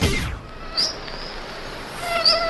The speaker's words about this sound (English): This portion of summer brought to you by mosquitoes.